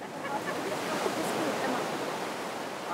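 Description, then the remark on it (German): Ocean waves wash onto the beach at Carmel in a steady, continuous roar of surf, loud and full without distinct individual breaks, with no clear talking over it. “Der Strand von Carmel zählt zu den schönsten weit und breit.”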